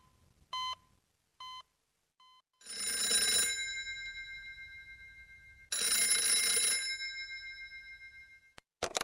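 Three short electronic beeps, then a telephone in a hospital rings twice in long, loud bursts of a jangling bell, each ring fading slightly before stopping. No one speaks.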